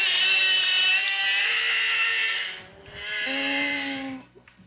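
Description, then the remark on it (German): Whale song: two long, loud, buzzy calls rich in harmonics, the second joined by a steady low droning tone, then a few faint clicks as it fades. No one speaks. “Man glaubt es nicht, aber so klingen Wale”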